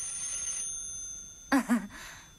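A telephone's bright ringing tone trails off and stops abruptly as the receiver is lifted from its cradle, followed after a short pause by a brief voice.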